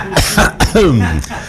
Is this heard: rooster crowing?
no